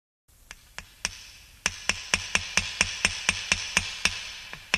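A hammer drives nails into wood to build the walls of a sukkah: a few spaced strikes, then a steady, quick run of about a dozen sharp, ringing blows. No voices are heard.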